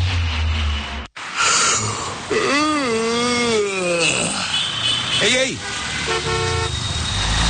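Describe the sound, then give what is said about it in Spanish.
A driver sleeping in traffic snores and snorts over steady road traffic, then car horns honk, loud and insistent, while a man shouts briefly between the blasts. “Eso de andarte durmiendo en el tráfico.”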